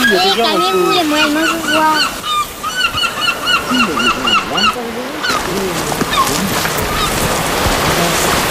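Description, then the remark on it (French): Gulls cry loudly and close by in a rapid, overlapping series of harsh calls, with a broad rushing noise like surf or wind filling in behind them over the second half. “Maman, on va trop près, tu vas les faire s'envoler.”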